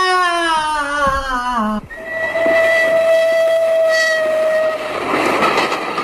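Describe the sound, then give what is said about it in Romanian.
A train pulls in with a loud, sustained steam-style whistle, first wavering in pitch, then holding a steady blast over the rumble and clatter of the cars. “Uite, ăsta a sosit mai devreme. Nici nu te lasă să asculți o melodie.”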